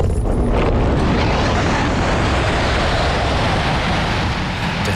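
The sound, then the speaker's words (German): A loud, steady roaring rush of wind and rumbling noise surges continuously as a two-person glider is pulled steeply into the sky by a winch tow cable, with dense low-frequency buffeting throughout and no voices. “Das Zugseil vor dem Flieger wird straff und zieht uns steil in den Himmel.”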